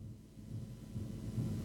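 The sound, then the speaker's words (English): Heavy rain pours down in a steady, deep rumbling roar that swells slightly louder toward the end, with no voices over it. “Gee, that's heavy rain.”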